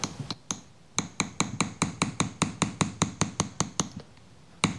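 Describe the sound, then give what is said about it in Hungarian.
A hammer taps metal in a quick, steady series of sharp, bright strikes, smoothing the hammered surface of an acanthus-leaf ornament, around twenty blows, pausing briefly before one final hit. No one speaks. “Úgyhogy most azt mutatnám meg, hogy a megfelelő eszköze ezt hogy lehet szépen elsimítani.”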